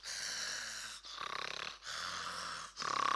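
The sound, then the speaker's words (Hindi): Loud, rattling snoring from a man asleep in the cinema seat right next to the listener, with four heavy breaths alternating in a steady rhythm of in and out, each lasting about a second, with no talking. “बड़े खर्राटे ले रहे थे, बड़ी जोर जोर से।”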